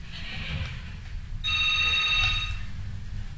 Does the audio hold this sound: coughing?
no